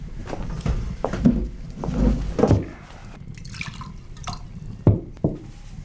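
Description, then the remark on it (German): Wine is poured into a glass with intermittent glugs, splashes and drips over several seconds and a faint clink of glass. Nobody speaks. “Der Wein kommt gleich.”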